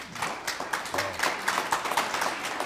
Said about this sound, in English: All that clapping, they're trying to tell us that we're done with another segment.